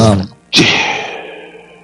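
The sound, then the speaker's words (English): A single loud sneeze: a short voiced intake followed by a sharp explosive burst with a hissy trailing exhale, heard on its own. “Bless you.”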